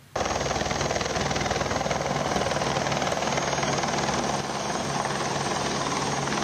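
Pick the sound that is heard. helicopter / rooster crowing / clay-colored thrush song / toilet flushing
helicopter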